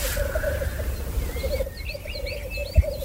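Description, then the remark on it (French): A continuous low, bubbling warble runs steadily throughout from a male grouse calling at its courtship display after coming down to the ground, with brief higher bird chirps scattered over it and a soft thump near the end. “Plus là, il y a un coq qui est déjà descendu au sol parce qu'en général il chante souvent sur le sommet des épicéas au départ puis après ils descendent au sol, ils se regroupent, ils sautent en l'air.”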